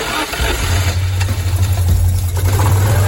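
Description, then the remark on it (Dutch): A car engine turns over and settles into a steady, low idle, a constant deep hum with a faint rattling texture running throughout, loud and without any voices. “Oh, dat geluid, dat geluid. Oh, heerlijk.”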